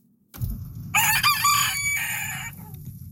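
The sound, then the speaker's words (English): A rooster crows once, a loud, bright cock-a-doodle-doo with rising then sustained harmonic notes that trail off, over a steady low rumble of background noise. “Well, a woman in the Annapolis Valley has launched a new registry for roosters.”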